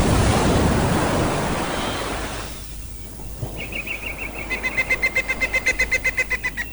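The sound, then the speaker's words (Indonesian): A loud wave crashes and washes up the shore, its hiss slowly fading, then a bird begins a quick, steady run of repeated chirps over the quieter surf. “Saudara-saudaranya yang tercinta, laut yang menderu memukul-mukul ke pantai.”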